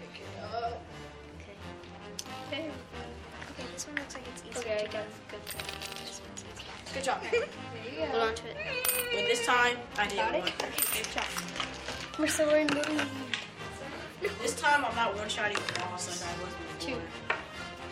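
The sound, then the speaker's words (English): Gold coins clink and clatter into a treasure chest as two teams pass them from player to player with chopsticks from a pirate ship, many quick metallic taps in an irregular, busy stream, fairly bright, with people chattering underneath. “Our two teams will retrieve gold coins from the pirate ship, passing them from player to player until all the coins are safely deposited in the treasure chest.”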